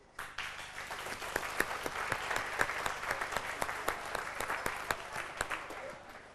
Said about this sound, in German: Applaus 600 Jahre Reitzenhain.